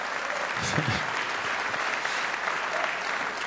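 A festival audience applauds steadily, a dense wash of many hands clapping at an even, sustained level for a few seconds with no voices standing out.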